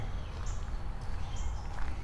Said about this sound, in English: Listen to all these birds.